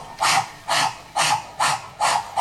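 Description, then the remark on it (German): A voice imitates a propeller with six steady, breathy whooshes, each a short hissing burst repeating at an even pace of about two per second, with no words spoken. “Und der Propeller macht.”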